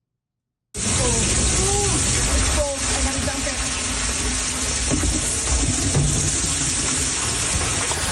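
A loud, steady rush of water pouring and splashing into a flooded basement in St. Catharines, after heavy rainfall caused flooding, begins abruptly and continues without letup for several seconds, enveloping.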